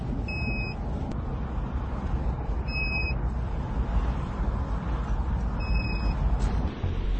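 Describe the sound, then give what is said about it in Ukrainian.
Steady low rumble of city street traffic in Zaporizhzhia at about 8:30 in the evening, heard while driving through the city, with three short two-tone electronic beeps sounding at intervals above the continuous drone of passing vehicles. “В Запоріжжі багато машин у місті.”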